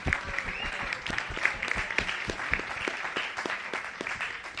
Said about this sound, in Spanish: Así que, bueno, la recibimos con aplauso.